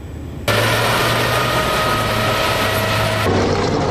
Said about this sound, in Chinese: 正在进行的是铁甲突击项目，赛道上引擎轰鸣，现场战味十足。